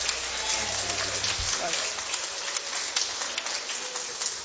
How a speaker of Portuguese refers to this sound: Então vamos se colocar de pé, vamos receber o servo do Senhor com alegria, com palmas para Cristo, bem alegre as palmas para o Senhor.